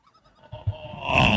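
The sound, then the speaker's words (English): A bird calls loudly, a few soft chirps opening into a long, nasal, bleating cry that swells and grows harsher toward the end, with no talking. “Oh, not the loudest bird in the world.”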